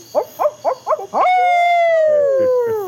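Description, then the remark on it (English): An owl calls at night in summertime with five quick, rhythmic hoots, then a long, loud, drawn-out wail that slides slowly downward in pitch. No one speaks. “And where I live now, there's an added summertime bonus because we have these owls that sound like drunken hillbilly rednecks.”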